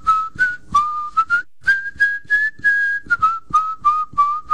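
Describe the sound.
A person whistles a lively tune, clear pure notes rising and falling in short phrases with one longer held note in the middle, no talking.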